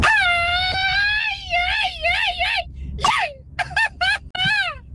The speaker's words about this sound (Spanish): Hombre, güey, no, ¿qué es eso, loco? ¿Qué es eso, loco? ¿Qué fue ese grito? ¡Qué vergüenza!